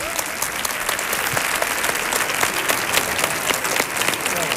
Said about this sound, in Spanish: Fuerte el aplauso